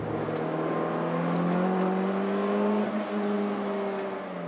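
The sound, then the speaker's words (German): A Honda CX car's four-cylinder engine, converted from naturally aspirated to turbo with a reinforced block, revs steadily, its harmonic drone rising slightly in pitch and holding loud for several seconds, with brief clicks and whirs over the top and no voices. “Normalerweise ist das ein Saugmotor, Vierzylinder.”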